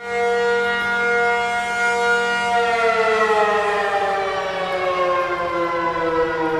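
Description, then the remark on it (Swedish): A civil defense all-clear siren sounds in a subway during Taiwan's annual civil defense drill, one long, loud, steady tone holding its pitch without rising or falling, with a hollow echoing quality and no voices. “Ja, så här lät det när de blåste faran över i tunnelbanan häromdagen.”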